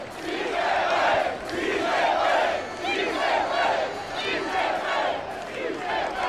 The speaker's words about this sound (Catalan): Enorme l'ovació que s'ha enduit Martín de Michelis, molt més important que l'altra vegada que va ser el seu primer partit a Espanya, contra l'Espanyol, perdó, i escoltat Som Moix.